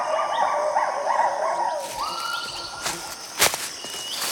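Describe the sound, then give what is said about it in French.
Two lar gibbons in the Khao Yai forest, Thailand, call back and forth in rising, looping whoops, a tonal, warbling series that swells and repeats before a few sharp clicks or knocks near the end; no one speaks. “Ce sont deux gibbons lards. On dirait qu'ils communiquent.”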